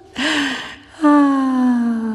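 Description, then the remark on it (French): A sharp, audible gasp of breath drawn in, followed after a brief pause by a long, steady voiced tone that slowly falls in pitch, from a sound piece about the human voice. No speech. “De l'air audible.”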